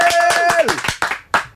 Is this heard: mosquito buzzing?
no